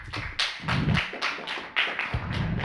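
A short burst of hand clapping, a quick series of sharp, uneven taps from a few people, fairly loud throughout with no voices over it.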